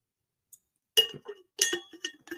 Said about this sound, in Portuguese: Vou tomar uma aguinha, desculpa, tá?